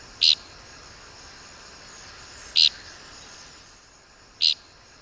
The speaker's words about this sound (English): We birders mostly find tixisils by their distinctive flight call, which is invariably described as flatulent. You be the judge.